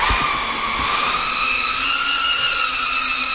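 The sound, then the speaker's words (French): A steady, high-pitched whine of drone propellers buzzing in flight at Drone House, an indoor drone-piloting centre in the suburbs of Riga, Latvia, with stable harmonic tones holding constant and no speech over it. “C'est pour offrir un espace à ceux qui voulaient apprendre à piloter des drones que Viestur Simenics, spécialiste en sécurité civile, a ouvert Drone House dans la banlieue de Riga, la capitale lettonne.”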